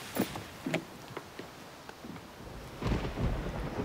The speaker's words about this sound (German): Wir müssen los, es kommt ein Gewitter.